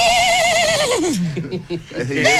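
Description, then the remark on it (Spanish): A person vocally imitates an old engine sputtering to life. The loud, wavering pitch slides downward and rises again, coming out sounding much like a horse's whinny. “¿Lo que quisiste hacer realmente era un motor, no era un caballo?”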